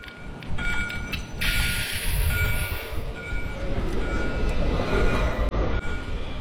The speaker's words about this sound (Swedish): Att fånga Göteborg i ljud är inte särskilt svårt. De blåvita spårvagnarna som skramlar och kränger i spåren,